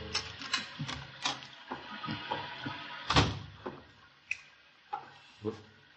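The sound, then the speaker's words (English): A key scrapes and clicks in a door lock: a run of small metallic rattles and ticks, one louder clunk midway as the bolt gives, then a few sharp clicks trailing off. “The headlights flashed through the windows as the car turned into the drive and a moment later I heard his key in the lock.”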